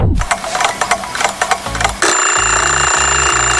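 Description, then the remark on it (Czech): A loud alarm clock rings, opening with a rapid rattling clatter before settling into a steady, continuous metallic ring with no voices. “Ruku na srdce, vyskočíte každé ráno po prvním zazvonění budíku, nebo ho pětkrát odkládáte a každých pět minut si říkáte ještě chvíli.”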